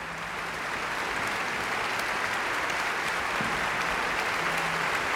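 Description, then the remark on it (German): Steady, sustained applause from a large concert audience in Lübeck after an orchestra played an overture, with extra applause for the woodwinds, a dense wash of many hands clapping at an even level throughout, with no voices standing out. “Das ist jetzt ein extra Applaus für die Holzbläser, die viel zu tun hatten in dieser Ouvertüre.”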